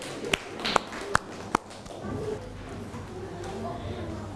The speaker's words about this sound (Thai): เชิญตัวแทนนักเรียนได้เลยค่ะขอเสียงปรบมือให้เพื่อนที่หน้าชั้นเรียนหน่อยค่ะ